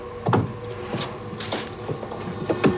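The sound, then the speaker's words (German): A wardrobe door is pulled shut from inside by a person slipping in to hide, with a series of woody knocks and rattles spread over a few seconds, moderately loud over a faint steady hum. “Sie schlüpft hinein und zieht die Tür zu.”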